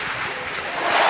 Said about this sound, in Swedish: Och jubel på Alexander Stadium när Jaroslava Magushi klarar 1,97 direkt i höjdhoppet.